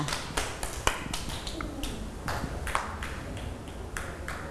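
A group of children clap together, uneven and scattered rather than in unison, a steady patter of sharp claps lasting a few seconds at moderate loudness with no one speaking.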